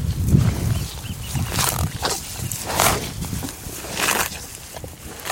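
Cows on the beef and dairy ranch pastures of Point Reyes national park mooing in a series of low, rough bellows, about four calls spaced a second or so apart, moderately loud, with no talking.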